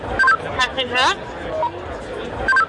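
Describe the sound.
A short chirp of electronic tones, then a voice speaking briefly into a handheld radio, ending with another quick beep, with faint background chatter throughout.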